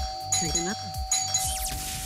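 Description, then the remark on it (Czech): A doorbell rings out in a quick melodic chime sequence lasting about two seconds, bright, with voice-like sounds mixed in underneath. “Tak jdeme zvonit.”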